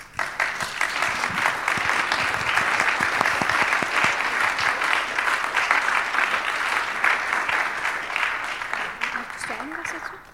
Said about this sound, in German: Applaus vielleicht?